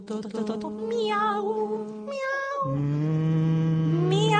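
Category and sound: animal, cat meowing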